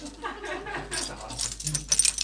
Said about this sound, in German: klimpert mit ihrem Schlüsselbund.